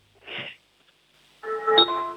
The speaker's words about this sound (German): Wow, das ist aber eine tolle Türklingel gewesen.